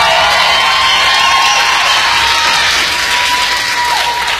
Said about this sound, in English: we owe him a round of applause for making it work.